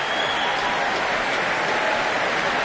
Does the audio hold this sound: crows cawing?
no